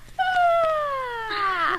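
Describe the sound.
A voice imitates the cat Niebla yawning with its mouth wide open: one long, high, cat-like whine that glides steadily down in pitch and ends in a breathy, rough exhale, lasting under two seconds.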